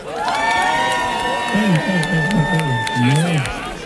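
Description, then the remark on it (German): A festival crowd at the Buzz-Festival 2026 cheers and applauds steadily as the organizers are called onto the stage, with whoops and shouts rising over the dense clapping and a few higher voices sustaining calls throughout. “Lauter, macht mal Applaus!”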